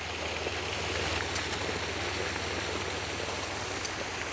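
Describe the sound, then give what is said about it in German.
Pre-cooled bath water runs steadily into a tub, a continuous rushing and splashing with a faint low hum underneath and no voices. “Liter bestes Badewasser, vorgekühlt.”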